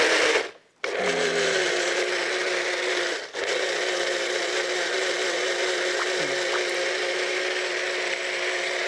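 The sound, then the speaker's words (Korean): A blender motor whirs loudly and steadily, starting after a brief click and pause, with a short dip around three seconds before grinding on continuously as apricots are pureed into juice to use instead of water in rice-cake dough. No one speaks. “네, 믹서에다가 이걸 예? 갈으려고 그래요.”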